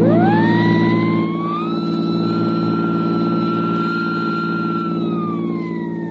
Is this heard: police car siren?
yes